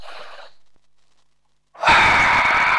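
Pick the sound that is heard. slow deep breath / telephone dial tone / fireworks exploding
slow deep breath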